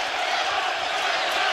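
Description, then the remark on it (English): A stadium crowd at a baseball game cheers in a steady, loud roar of massed voices as a batter steps into the box, a dense continuous wash of noise with no single voice standing out. “Well, now this just gives time for the crowd to get even that much into it.”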